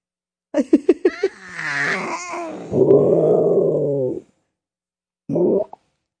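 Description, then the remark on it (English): Quick staccato vocal bursts lead into a long, drawn-out growling roar made by an adult's voice imitating a dinosaur for a little boy, fairly loud, followed after a pause by a short second growl. “I just had to be a dinosaur.”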